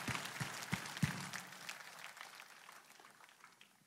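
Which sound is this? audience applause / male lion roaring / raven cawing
audience applause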